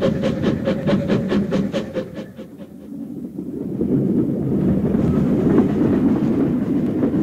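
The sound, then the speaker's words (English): A moving older-style passenger compartment carriage, nearing Urala, rumbles steadily, with a quick run of rhythmic clacks from the wheels at first, then a deeper, continuous roll and rattle. No one speaks. “It was one of the older style compartment carriages with a door that opened directly onto the station platform.”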